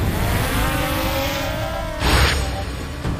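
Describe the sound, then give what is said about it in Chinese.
A drone takes off, its propellers whirring with a steady, buzzing motor whine that slowly rises in pitch, then a louder rushing gust of air sweeps in toward the end. “在他吃肉的这个过程中，我们把那个无人机起飞好，然后把它停留在空中，等待它起飞。”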